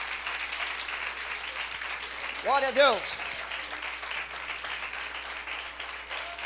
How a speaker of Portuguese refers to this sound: Glória a Deus. Amém, meus irmãos? Vamos aplaudir mais forte ao Senhor Jesus.